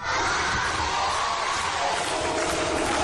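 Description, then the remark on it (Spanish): A crowd at Club 90 in Huesca cheers and shouts "campeona del mundo" to welcome world champion gymnast Inés Bergua, a steady, loud roar of many voices blending into a dense wall of sound with no pauses across the few seconds. “Al grito de campeona del mundo recibía ayer el Club 90 Inés Bergua a la gimnasta orcense que visitó a su club, al Club 90, homenaje y cariño para Inés Bergua que ayer estuvo en Huesca.”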